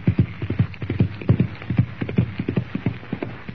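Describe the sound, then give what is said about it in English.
Rapid, rhythmic hoofbeats of a galloping horse spurred by its rider, Chuck Connors, as he rides into the darkness, a steady drumming of clopping hits on hard ground that stays fairly loud throughout, with no voices. “Lashing the sharp rowels of his spurs into his horse's flanks, Chuck Connors rides into the darkness.”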